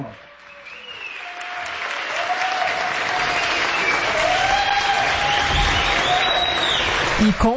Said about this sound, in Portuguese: Mas aqui fica o nosso reconhecimento. Se a gente puder aplaudir o senhor.